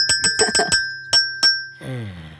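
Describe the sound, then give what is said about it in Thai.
A small bell rings out with about seven bright strikes, five quick ones followed by two slower, its clear tone lingering between hits, before a soft plucked guitar sound takes over. “เสียงกีตาร์แล้วก็ต้องเป็นเสียงกระดิ่งด้วย”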